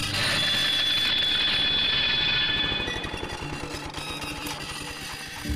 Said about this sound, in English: I was busy in the workshop while a student was using the lawnmower some 50 metres or so away. Suddenly, from the direction of the mower, came a sharp metallic screech.